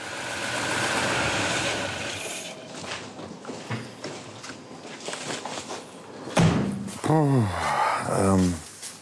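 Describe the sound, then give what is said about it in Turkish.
A Mercedes car engine idles with a light, steady ticking from its water pump running underneath; near the end, people start talking over the engine noise. “Su pompasının tıkırtısını duyabilirsin.”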